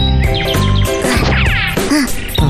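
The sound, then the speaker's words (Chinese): A small bird chirps in quick, bright bursts, mixed in with a loud, dense wash of music and sound effects, with no one talking. “这样吧，我可以把那只小鸟变成青蛙，你信不信？看好吧。”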